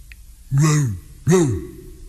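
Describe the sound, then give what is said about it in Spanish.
Two deep, drawn-out woofs from an old dog, loud, with a short pause between them and no other sounds around. “O hasta un perro viejo.”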